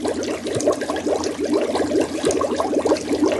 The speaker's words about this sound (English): Okay, that's water of some sort? It is water of some sort, okay, yes. Right, it is excellent. Water of some sort.